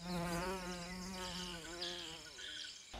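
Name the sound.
fly buzzing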